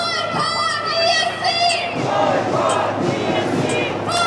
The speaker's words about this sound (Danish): Boykot Israel og boykot Eurovisionen, råbte demonstranterne.